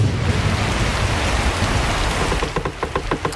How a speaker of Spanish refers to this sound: El cielo se rompe. Empieza a llover como si alguien hubiera dejado el grifo del universo abierto.